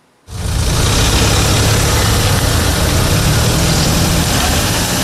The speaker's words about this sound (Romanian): Șoferii așteaptă chiar și 20 de minute la stația de taxare pentru trecerea podului Giurgiu Ruse.